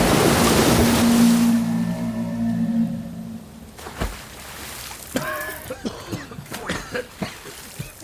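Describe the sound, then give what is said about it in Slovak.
A loud, roaring torrent of black river water, a huge wave sweeping away trees and rocks, dominates the first few seconds, then drops to a quieter churn broken by scattered creaks and splashes. “Čierna voda hučí ako stádo divých zubrov. Strháva stromy aj skaly.”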